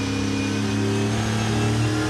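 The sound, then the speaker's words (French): A Chevrolet Camaro's V8 engine revs hard and loud to 7500 rpm for a couple of seconds as it is driven through the S de la Sablière bends at a classic car racing event, its deep harmonic roar steady with a rising, sustained growl and no one talking. “Un V8 qui prend 7500 tours. Oh la vache. Oh le son.”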